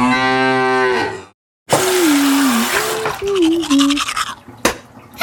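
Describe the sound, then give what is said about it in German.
Someone brushes their teeth with a tap running, a steady rush of water and scrubbing, while a cow's long moo rises and falls over it, preceded by a louder moo. “Ups, jetzt ist der Wasserhahn aufgeputzt mit meiner Zahnpasta.”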